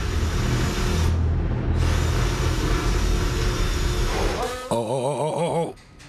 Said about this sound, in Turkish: Matkapla delik açacağız. Fiber optik kamerayla kirişlerin içinde bir şey olup olmadığına bakacağız. Çeliği delmek için el matkabı kullanılıyor.